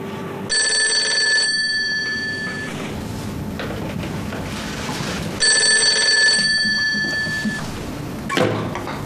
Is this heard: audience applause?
no